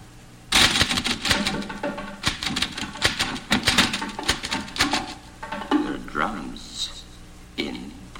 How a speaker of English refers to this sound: There are drums in the typewriter. There are drums in this typewriter.